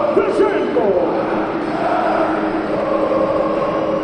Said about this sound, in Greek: 3-21 πριν από τη λήξη του πρώτου δεκαλέπτου και οι αποδοκιμασίες που ακούτε, φαντάζομαι, υποθέτω, είναι για τον Κώστας Λούκα που παίρνει τη θέση του Γκραντ.